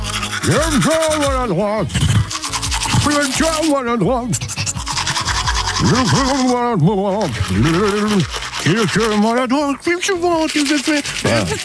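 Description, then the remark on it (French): A voice imitates a manual toothbrush scrubbing, with loud, continuous rhythmic vocal sweeps and hissy scratching that rise and fall without pause for about twelve seconds. “Ce n'est pas très grave, il la remet demain en route, cette fameuse brosse à dents manuelle, pour jouer avec vous”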